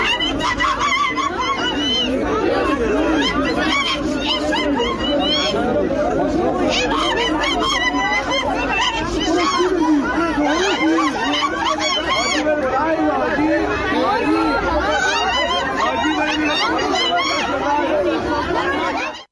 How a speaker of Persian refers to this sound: این فریادها در واقع فریادهای ترس و وحشت از آن چیزی است که مخالفان توافق آن را کودتا علیه انقلاب 57، اهداف آن و جمهوری اسلامی شناخته شده تا امروز می‌دانند.